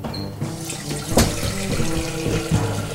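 Running tap water pours steadily into a bowl, a continuous splashing rush with a brief sharper burst partway through, no voices.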